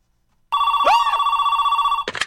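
A telephone rings in one sustained, steady trill after a moment of silence, with a brief rising swoop partway through, then stops abruptly with a short clattering burst.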